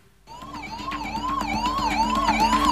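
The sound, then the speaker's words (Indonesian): Ambulance sirens wail in a rising and falling pattern, with several overlapping tones growing steadily louder over a low engine rumble, no one speaking, as ambulances arrive one after another at a prison in Negombo, Sri Lanka, to carry away people injured and killed in a clash between inmates. “Ambulans pun silih berganti berdatangan untuk mengangkut para korban luka dan tewas”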